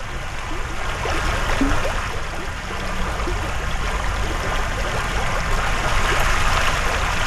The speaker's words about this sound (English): A babbling brook in Berea.